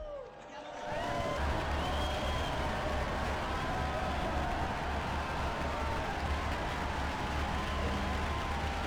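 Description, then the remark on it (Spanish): A crowd applauds steadily in honor of Saints Luis Gonzaga and José Isabel Flores Varela, the dense clapping rising after a brief quiet start and holding at an even level throughout, with a wash of murmuring voices mixed in. “Unidos pues a la Compañía de Jesús y a la Iglesia Mexicana, brindemos nuestro cálido aplauso a los santos Luis Gonzaga y José Isabel Flores Varela.”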